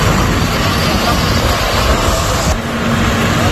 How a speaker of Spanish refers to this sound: Escucha, mira el helicóptero donde está echando.